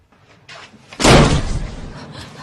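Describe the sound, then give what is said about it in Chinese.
A door bangs open with a loud, sharp slam about a second in, its broad crash ringing and trailing off into a rumbling decay; softer shuffling movement comes just before it. “刚才忘敲门了。我可以进来吗？”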